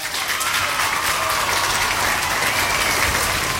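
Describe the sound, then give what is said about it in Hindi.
Steady, dense applause from a crowd, played for listeners who answered a quiz question correctly, loud, clapping continuously throughout with a bright, crackling texture and no speech over it. “तो आपके लिए बजेंगी यहाँ पे तालियां।”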